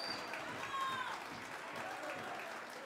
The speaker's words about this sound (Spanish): fuerte voto de aplauso a la Saya de Chicaloma.